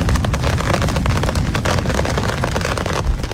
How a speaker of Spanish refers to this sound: Es el granizo cayendo con fuerza y violencia en Cambil.